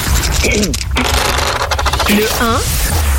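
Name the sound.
dice being rolled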